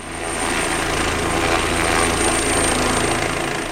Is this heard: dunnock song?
no